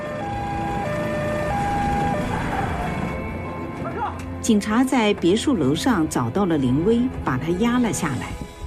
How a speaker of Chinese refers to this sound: 听到了救护车的鸣笛，顿时慌了，赶紧下了车。